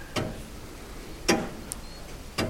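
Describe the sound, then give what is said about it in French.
A very old weight-driven clock ticks slowly and steadily, roughly one sharp, woody tick per second, with a fainter click in between, in the dining-living room of an old house. “Il dégraine le temps et de temps en temps on remonte le poids de l'horloge et le poids de ce qui l'a fait tourner, ce qui l'a fait sonner.”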